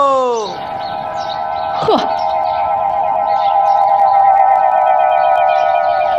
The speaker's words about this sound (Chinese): 这谁家养了一群鸽子呀？ 还能谁呀？我们家亮子呗。他养根本都不听，就光这十几只鸽子就花了1000多块钱。